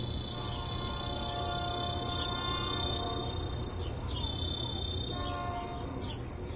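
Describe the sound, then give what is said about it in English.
A train rolls along the rails past a house near the tracks in a steady, continuous rumble, fairly loud, with high metallic whining tones layered over the low roar and a few faint chirps. “I'm deafened by the train's timpani, searing through every crevice in this house.”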